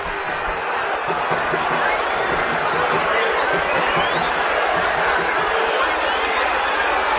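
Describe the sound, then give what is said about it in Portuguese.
Santos fans at Vila Belmiro boo and protest at the end of a 0-0 Copa do Brasil round-of-16 first leg against Remo, a loud, dense roar of many voices that holds steady for the whole stretch with no single speaker standing out. “Vaias, cobranças, protestos, esse tem sido o Santos Futebol Clube ao longo dos últimos anos.”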